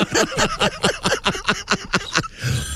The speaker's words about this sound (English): We have a phone ringing. Hello, Bob and Tom Show.